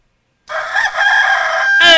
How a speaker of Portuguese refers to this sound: Canta, Galo!